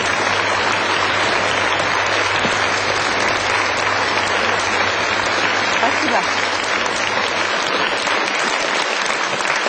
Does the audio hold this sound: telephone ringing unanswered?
no